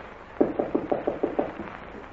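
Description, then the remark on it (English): A door handle is rattled against a locked latch, making a quick run of about seven evenly spaced clacks, with no voices. “Here, this is the door.”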